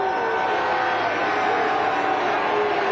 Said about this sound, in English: You expect to get one or two in there. It's just one so far. Everybody else booed him down.